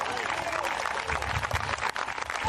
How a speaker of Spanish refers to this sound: Dele fuerte ese aplauso, Señor, en esta hora.